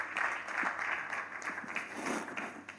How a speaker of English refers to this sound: Another round of applause for this wonderful conversation that we have just heard.